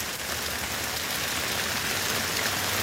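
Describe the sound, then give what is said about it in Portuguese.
Steady, heavy rain pours down on flooded roads on Faial Island in the Azores, Portugal, with a continuous hiss of water, dense and unbroken for the whole stretch, with no voices and no distinct individual drops standing out. “mostram estradas da Ilha do Faial inundadas e a obrigar os condutores a terem especial cuidado devido à água acumulada.”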